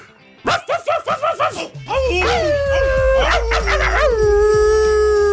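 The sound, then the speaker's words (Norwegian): A dog gives a quick string of about six sharp yips, then breaks into a long, loud, wavering howl that rises and holds over a low rumbling background. “Det den internasjonale hundedagen I dag!”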